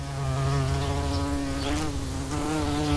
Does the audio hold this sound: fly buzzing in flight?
yes